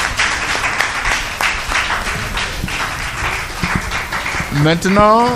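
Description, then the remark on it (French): A crowd applauds again for a woman after her speech, a dense, continuous wash of clapping, and near the end a loud voice rises over it with a wavering, cheer-like call. “Encore des applaudissements pour elle.”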